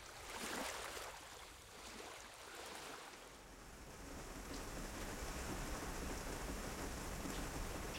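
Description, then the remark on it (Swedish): Steady morning rain patters against a window, a continuous dense hiss of drops with a low rumble underneath, even in loudness throughout. “När jag vaknar nästa morgon smattrar regnet mot fönstret.”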